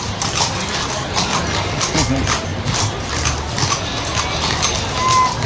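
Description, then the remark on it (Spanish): Horse hooves clip-clop in a quick, uneven rhythm, fairly loud, as a horse dances in place to music, over a dense background of indistinct voices and noise. “Mira este caballo. Esperamos en Dios que así sea. Oiga, y mire cómo empiezan a bailar.”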